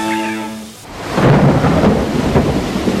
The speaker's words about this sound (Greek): Πω, κοίτα τι ρίχνει έξω, κατακλυσμός, δεν πάμε πουθενά.